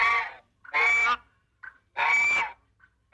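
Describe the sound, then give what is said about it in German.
A goose honks frantically in loud, harsh bursts: three long blaring honks broken by short clipped squawks, insistent, with no other voices. “Habt ihr Bock nochmal die Gans zu hören?”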